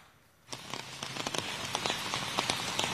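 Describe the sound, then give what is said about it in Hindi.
Steady rain in the Delhi NCR region during a red alert for heavy rain patters onto the ground after a brief quiet start, a dense hiss with scattered sharper drips and splashes standing out, fairly loud, with no voices. “देखिए हर साल की कहानी होती है, जब बारिश होती है तो सांसदों के घर के ठीक बाहर क्या तस्वीर होती है।”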